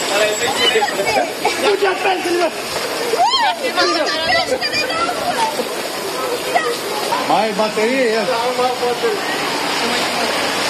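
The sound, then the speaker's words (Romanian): Floodwater splashes and rushes steadily through a street during heavy rain where sewerage is entirely lacking, a constant loud wash of water, while several people talk and shout over it. “Dar așa e mereu când plouă? Așa este mereu, da, când plouă.”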